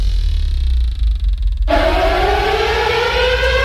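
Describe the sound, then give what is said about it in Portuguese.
A loud siren wails with a steady rising tone over a deep rumble, its pitch climbing and holding strong for several seconds without any voices. “Sirene toca e quando a sirene toca é hora de escolher os clássicos sertanejos.”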